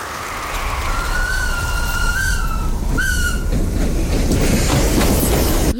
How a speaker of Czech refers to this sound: na stanicu v Kompeje prichádza špeciálny vlak maršála Focha.